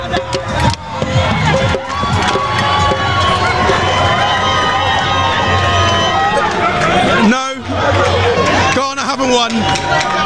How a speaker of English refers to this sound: These guys have been screaming all game and they are delighted.